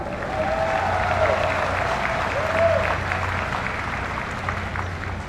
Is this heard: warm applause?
yes